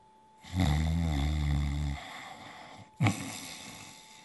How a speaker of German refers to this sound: Mit vollem Bauch legte er sich wieder ins Bett, schlief ein und fing an, laut zu schnarchen.